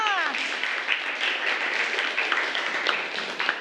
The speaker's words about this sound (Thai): ตบมือให้ตัวแทนทั้ง7คนหน่อยค่ะแล้วก็ขอเสียงตบมือดังๆให้กับ2กลุ่มที่ชนะเลิศได้รับคะแนนโหวตสูงสุดด้วยค่ะ